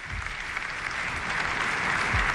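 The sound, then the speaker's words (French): A large audience applauds Pope Leo XIV steadily, a dense wash of clapping from many hands that holds throughout and swells slightly toward the end, with no voices above it. “Léon XIV applaudi par toute l'assistance et qui remercie d'un signe de la tête.”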